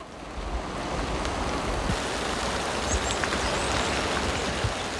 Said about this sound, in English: A gentle spring rain falls over Wadyong wetland.